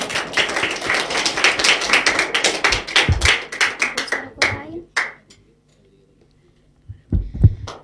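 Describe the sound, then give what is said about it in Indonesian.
A crowd claps for a young friend about to sing, in a dense burst of applause that thins into a few scattered claps and fades to near silence, followed by a couple of dull thumps. “Beri tepuk tangan yang paling meriah untuk teman kita yang luar biasa ini.”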